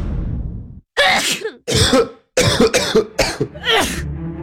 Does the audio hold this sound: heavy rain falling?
no